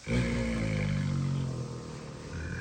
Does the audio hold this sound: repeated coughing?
no